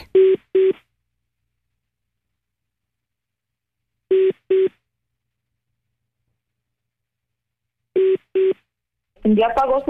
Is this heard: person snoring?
no